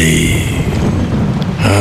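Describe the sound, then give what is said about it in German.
A steady, loud wash of rain with gusting wind, a dense rushing hiss over a deep rumble that continues without a break and shifts slightly near the end. “Regen. Also das müssen Sie sich nun wirklich nicht anhören.”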